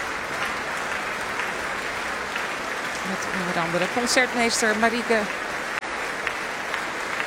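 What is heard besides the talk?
concert audience applause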